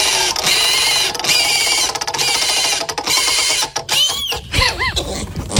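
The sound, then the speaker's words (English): A spinning 'news pig' prize wheel, spun to pick one of three news stories, ratchets with a fast, steady stream of loud clicks that gradually slows and spaces out, ending with a few wavering, squealing tones as it stops. “Let's spin the pig.”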